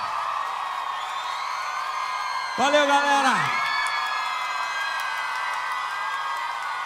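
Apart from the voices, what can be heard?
crowd applause and cheering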